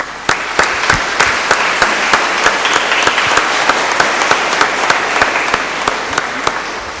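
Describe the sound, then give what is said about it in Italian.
An audience breaks into sustained applause for a priest's 25th anniversary of priesthood, many hands clapping in a dense, steady wash with sharper individual claps popping through, no voices heard over it. “Quindi ringraziamo il Signore per questo grande dono e facciamolo un applauso.”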